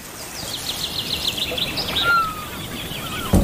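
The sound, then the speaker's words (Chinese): Seagulls calling in a rapid run of sharp, high cries, then a thin sliding whistle, over a steady background hiss; a sudden dull thump cuts in at the end. The gulls are ready to fight to guard their eggs in a shallow ground nest. “为了守护还没出生的后代，海鸥随时准备战斗。”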